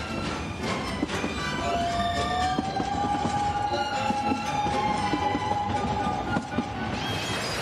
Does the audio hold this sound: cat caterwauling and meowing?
no